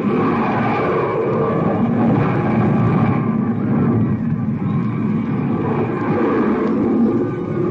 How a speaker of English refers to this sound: Any moment, a ship from Mars and... What? There they are! They're coming in! The landing rocket ship first!